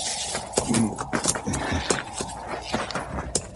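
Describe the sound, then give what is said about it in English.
A horse's hooves clop in an irregular, unhurried rhythm, moderately loud, with a low snorting breath early on and a steady rustling background. “Horse smells them. Now, we better tie the critters up.”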